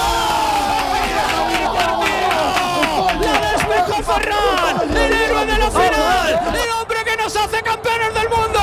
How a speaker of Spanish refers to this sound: Un solitario gol de Ferran Torres da a España su segunda estrella con una enorme explosión de júbilo. Así vivíamos en Canal Sur Radio el final de esta histórica final.